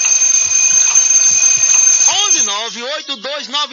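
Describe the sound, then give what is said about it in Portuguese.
A loud, continuous high-pitched alarm clock ringing buzzes steadily for about two seconds, then stops as a voice with rising and falling pitch takes over. “Relógio aí, ó.”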